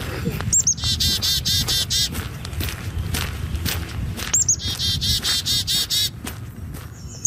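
Birdsong rings out outdoors in Edmonton: two bursts of quick, high repeated chirping notes, each lasting a few seconds, over a steady low rumble and occasional scuffing footsteps.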